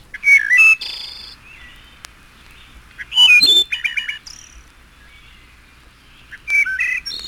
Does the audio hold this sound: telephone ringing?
no